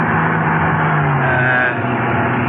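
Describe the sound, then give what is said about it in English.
A car roars along at speed, heading past Victorville toward the cutoff to Edwards Air Force Base, its engine droning loud with a steady rush of road noise and a pitch that rises and dips slightly; no voices. “we earned more than one speeding ticket before we hit the cutoff around Victorville”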